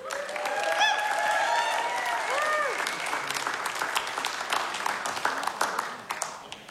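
A steady wash of audience applause for a musical act, dense overlapping clapping with a few cheers and whistles rising above it early on, holding fairly loud before thinning out toward the end.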